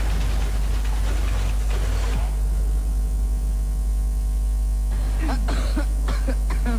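A woman coughs repeatedly in rough, harsh bursts from cigarette smoke drifting into her room, a cluster at the start and another after a brief pause, over a steady low electrical hum.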